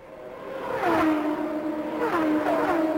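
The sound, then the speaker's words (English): Race cars, among them Michael Andretti's building back up to speed on the back stretch under green, scream past at speed, their loud, high-pitched engine whine sliding down in pitch as each one goes by, with a second wave of engines following about a second and a half later. “Michael Andretti building back up to speed on the back stretch as this race continues under green.”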